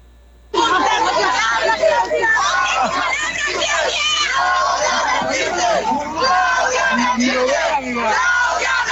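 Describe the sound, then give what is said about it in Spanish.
A dense crowd of protesting teachers, surrounding the president's van amid jostling, erupts into loud, overlapping shouting and yelling, with several agitated voices clamoring at once, continuing without pause after a brief quiet start. “Los maestros rodearon la camioneta donde se trasladaba la presidenta y entre empujones así le gritaron.”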